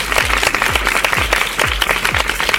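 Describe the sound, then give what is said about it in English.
A full round of applause from a crowd, dense and steady clapping throughout, loud, with a regular low thumping beat pulsing underneath. “And as always, if you did the actions at home, give yourselves a great big round of applause.”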